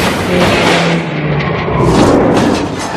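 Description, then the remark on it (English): A loud, dense roar of racing cars with heavy crunching impacts and scraping as two cars wreck on the last lap on the straightaway at Talladega, rolling to a stop upside down. The noise stays harsh and sustained throughout, with no voices. “Oh, no, no, John Girard and Ricky Bobby have wrecked in the last lap on the straightaway.”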